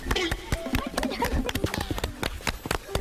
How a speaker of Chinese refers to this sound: 我和大姐脚下的这片梯田看似平平无奇，但是底下暗藏玄机。咱俩一起拍拍手啊，1、2、3。